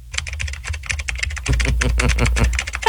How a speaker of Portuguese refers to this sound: A dá pra ver que essa digitação, né? É aquele teclado bota alto.